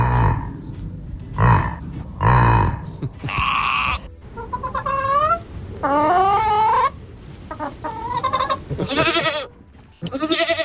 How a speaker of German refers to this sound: Ja, haben wir gehört gerade. Ein Yak, ein Schaf, ein Huhn und eine Ziege, die alle schon dabei sind bei den Stars auf vier Pfoten.